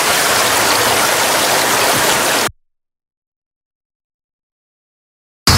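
A steady, loud rush of flowing water, like a stream or small waterfall, runs for about two and a half seconds, then cuts abruptly to silence before briefly returning at the very end.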